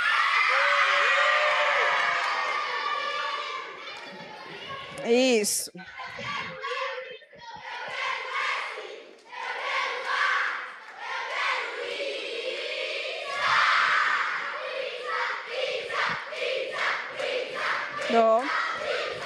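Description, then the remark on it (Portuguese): A group of school students shouts a rhythmic team battle cry together, loud, with bursts of cheering and whoops rising through the crowd noise. “E cadê o grito de guerra?”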